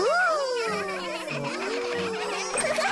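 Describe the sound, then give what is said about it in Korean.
A child's voice hums a steady, wavering buzz imitating honeybees flying home after gathering honey, sliding gently up and down in pitch for a few seconds, moderately loud. “우리 꿀 따는 벌이에요.”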